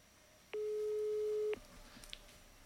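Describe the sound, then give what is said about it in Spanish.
A single steady electronic phone ringing tone, sounding this way because the called phone has wifi switched on, lasts about a second, fairly loud, bracketed by faint clicks, then fades into quiet line hiss. “Cuando los tonos son así es porque tienen el wifi prendido.”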